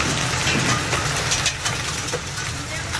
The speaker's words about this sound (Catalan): La tempesta d'ahir va afectar la Costa Daurada i el Camp de Tarragona, com ja ho havia fet la de dissabte. Hi van caure calamarsa, pedra i grans quantitats d'aigua, com ho demostren els prop de 90 litres per metre quadrat, acumulats en 3 hores